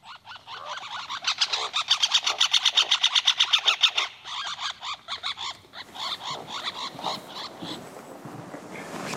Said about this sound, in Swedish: Här finns flera inspelningar av trumning, drumming, men också andra läten, aggression call, interaction. En sorts interaktion mellan två fåglar på samma trästam. Men den var spännande.